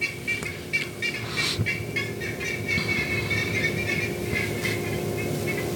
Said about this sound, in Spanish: Se captó, ¿no? Iban pasando los pajaritos.